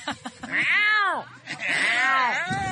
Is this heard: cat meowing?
yes